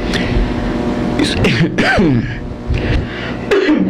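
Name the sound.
coughing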